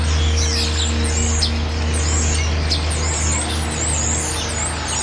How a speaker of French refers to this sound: Les oiseaux ici ne chantent pas pareil. On dirait qu'ils ont un autre accent.